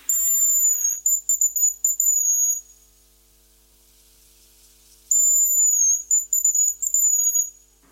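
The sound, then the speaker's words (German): A hazel grouse gives two very high, thin whistling song phrases, pitched roughly between 5 and 10 kilohertz, each lasting about two seconds and wavering slightly, separated by a few seconds of near silence. “Das ist das Haselhuhn.”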